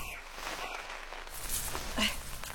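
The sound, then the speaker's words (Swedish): A brief crunching snap underfoot as a gnawed pine cone is stepped on outdoors, set against soft rustling and a steady background hiss, with no talking. “Nu trampade jag på en gnagd kotte bara för det.”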